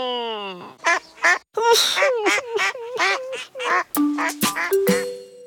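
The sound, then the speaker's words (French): A nasal, duck-like quacking voice sputters out a rapid string of short squawks and honks, fairly loud, imitating a duck rather than forming words. It is the voice of Toudou, a plush toy character whose nose is so blocked that he sounds like a duck. “Il a le nez tellement bouché que ça lui fait une voix de canard.”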